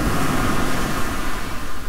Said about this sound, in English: Yeah, that water sounds like a good place to be on this warming weekend.